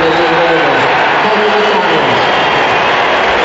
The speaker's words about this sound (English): Does he have one more Rolls Royce performance in him today to try and get over the line? Let's see. The cheers you're hearing right now, have a listen.